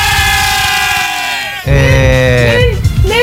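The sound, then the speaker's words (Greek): A voice imitates a lyre with loud, nasal, sustained tones that waver and slide in pitch, in two continuous phrases separated by a brief break. “Μου κάνεις λίγο τη λύρα πάλι, ρε ….”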